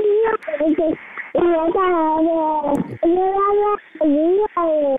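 A baby babbles and whimpers in a run of high, wavering vocal sounds, several drawn-out whiny coos separated by short pauses, with no adult speech.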